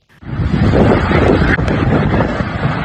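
A loud, continuous roar of strong thunderstorm wind in Huangzhou District, Huanggang, Hubei, China, on the evening of July 6, buffets in after a brief silence, churning and rumbling steadily for the rest of the moment with no voices present.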